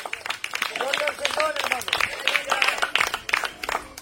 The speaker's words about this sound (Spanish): A su nombre, regálele un aplauso a Jesús en esta tarde.